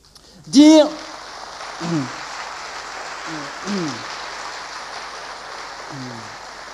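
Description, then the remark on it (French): An audience applauds in a dense, steady patter of clapping that carries through the whole stretch, while a man's voice speaks in short bursts over it. “Me revient une petite histoire pendant que vous applaudissez.”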